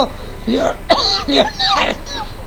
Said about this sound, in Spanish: Me ahogué de nuevo con el arroz.